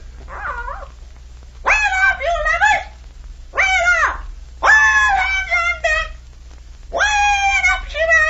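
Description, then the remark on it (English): A bird calls out in five loud bursts of warbling, wavering squawks with short pauses between them, over a faint low hum. “Tell us what the bird says, Captain.”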